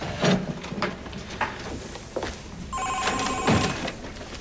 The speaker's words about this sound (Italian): Il telefono.